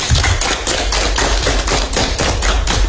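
Loud group applause from a school classroom as students clap at their teacher's request, many hands clapping together in a steady, fairly even rhythm, about four claps a second, with no voices over it.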